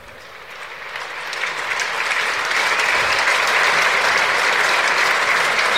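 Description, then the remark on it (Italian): The crowd at Stadio Zini breaks into applause ending a minute of silence in memory of Alex Zanardi, a dense wash of clapping that swells steadily over the first seconds and then holds loud and sustained, with no talking over it. “L'applauso dello stadio Zini va a decretare il termine di questo minuto di silenzio, un minuto di raccoglimento per onorare la memoria di una persona che è stata tante cose nella sua vita”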